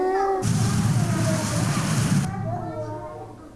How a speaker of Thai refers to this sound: เด็กๆบอกว่าได้ยินเสียงฝนตกแล้วนอกจากเสียงฝนตกเสียงอะไรคะเสียงฟ้าร้องถูกต้องเลยค่ะเด็กๆบอกว่าได้ยินเสียงฟ้าร้อง